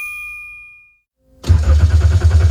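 A chiming ding fades out, a brief silence follows, then a car engine cranks loudly and rhythmically, churning over and over without catching.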